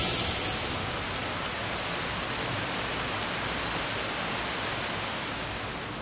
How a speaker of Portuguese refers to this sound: Está chovendo bastante. Está chovendo bastante, eu tô meio com medo, tô preocupada.